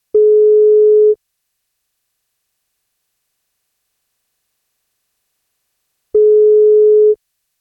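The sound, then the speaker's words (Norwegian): A telephone ringback tone as a radio host places a call to someone on their 30th birthday: two steady, clear one-second beeps spaced about five seconds apart, with silence between them and no voices. “Ja, du må ta telefonen hvis det skal bli kake da,”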